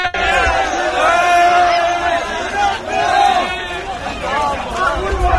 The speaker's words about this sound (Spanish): Todo esto mientras continúan llegando y llegando y llegando personas, escuchan gritos.